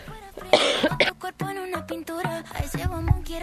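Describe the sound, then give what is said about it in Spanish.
A couple of sharp coughs in quick succession, loud and raspy, followed by a person talking in a low voice. “La tos no nos va a abandonar.”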